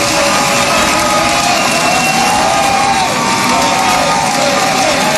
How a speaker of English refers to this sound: Come on up here, Rick. Listen to the applause for Rick Jackson.